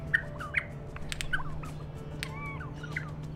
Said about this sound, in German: Forschende einer australischen Zuchtstation haben 2021 herausgefunden, dass ein Trick dabei hilft, die Überlebenschancen in der freien Natur zu erhöhen. Sie spielen den Vögeln Tonaufnahmen von singenden Artgenossen vor.